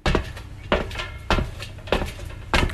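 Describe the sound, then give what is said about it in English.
Keys jangle and clank in five sharp metallic bursts at a steady rhythm, as a heavy old iron door to a cellar is worked open. No one speaks. “Get the keys out and open the old iron door.”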